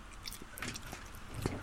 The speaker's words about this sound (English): He is a very small man. It's a very small man eating what is actually a very large bit of food.